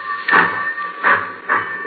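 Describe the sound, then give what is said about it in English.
A steam locomotive at the head of a long freight train starts off with slow, heavy hissing chuffs that come a little quicker each time, over a steady mechanical hum and faint hiss. No voices. “The old boiler up front's got the steam up.”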